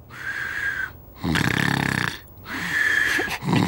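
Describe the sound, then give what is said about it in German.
Loud snoring of someone sleeping deeply in bed: three long rasping snores in a steady rhythm, each a rumbling inhale or exhale with brief pauses between, and no talking. “Als Prisemut ins Schlafzimmer kam, schlief Nulli bereits tief und fest und schnarchelte ziemlich laut vor sich hin.”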